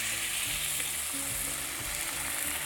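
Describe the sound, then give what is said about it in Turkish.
Chicken broth and milk are poured into a hot pot, setting off a steady sizzle and bubbling that fills the whole moment, with no talking. “Tavuk suyunu, hepsini sütünü. Koyuyorum.”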